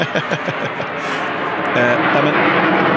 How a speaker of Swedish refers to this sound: Nu åker ett litet flygplan över här igen. Vi får se om det är okej med ett litet.